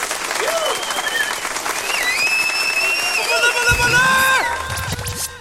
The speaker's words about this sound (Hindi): तो पहले तो हमारे जो विनर है उनके लिए तालियां।